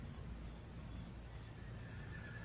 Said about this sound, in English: I think that's my dun stallion.